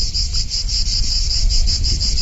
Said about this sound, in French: Alors, par rapport à Virton, il y a 1,5 degré plus chaud ici qu'à Virton. D'ailleurs, ici, on peut parfois entendre le chant des cigales.